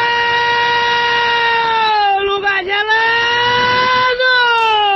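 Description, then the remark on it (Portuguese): A loud, sustained horn blares without a break for several seconds, its steady buzzing tone dipping slightly in pitch a couple of times before holding on again, as people honk during snowfall and freezing cold. “Até agora, bão, pessoal buzina.”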